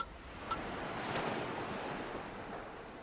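waves lapping

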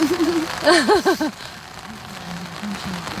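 rain falling outdoors

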